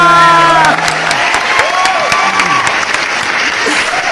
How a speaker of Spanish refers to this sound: ¡Fuerte el aplauso!